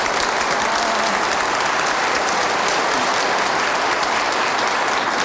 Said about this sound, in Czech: Já jsem to tak rychle stačil spočítat, tleskal jeden muž, no, ostatní všechno ženy.